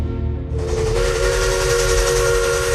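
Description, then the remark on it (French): A steam locomotive's whistle blasts in after a moment of low rumble, a loud, sustained shrill tone over a broad hiss of steam that holds steady to the end; the train's arrival in Angoulême, France, amid festive decorations and a frenzied crowd. “Imaginez hein, des décors de fête, une foule en délire et le sifflement d'une locomotive.”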